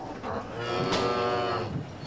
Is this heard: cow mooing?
yes